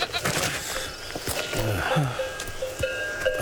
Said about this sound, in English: Is that your goat? Yes, sir.